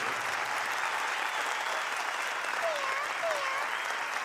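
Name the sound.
warm audience applause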